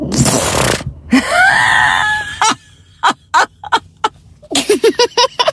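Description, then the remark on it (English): A voice imitates farting: a loud, breathy blast, then a long squeaky rising tone, followed by a string of short sputtering pops and a final flurry of raspy bursts. “They're the quietest farts ever.”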